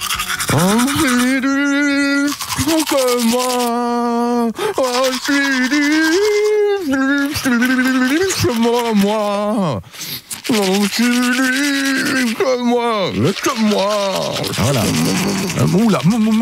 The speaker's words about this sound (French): chantée par … dans la salle de bain. Brosse à dents manuelle, grosse mousse dans la bouche